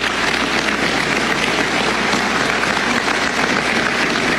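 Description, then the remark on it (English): Steady, dense applause from a sizable audience at a Department of Justice press conference announcing an indictment, many hands clapping at once at a constant, fairly loud level with no voices standing out. “You're gonna get to clap.”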